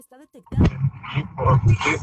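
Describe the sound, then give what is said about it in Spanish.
A dog, identified as Clifford the red dog, barks and growls in a rapid string of loud, rough bursts that follow a brief faint tonal sound, with a voice-like quality mixed in. “Esa es Clifford, el perro rojo.”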